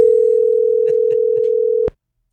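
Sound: telephone dial tone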